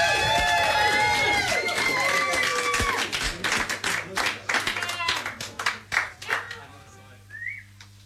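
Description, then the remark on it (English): A studio audience at Maida Vale bursts into loud applause with cheering and shrill whistles, the clapping thinning into scattered claps that fade away over a steady low hum. “And our studio audience here at Maida Vale, thunderous applause, if you would,”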